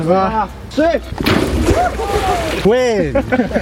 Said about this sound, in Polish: Tym razem nie lecieli do ognia, ale prosto do zimnej wody i to w pełnym umundurowaniu. Taką kąpiel zaliczyli świeżo awansowani i odznaczeni strażacy z Bełchatowa. To z okazji Dnia Strażaka.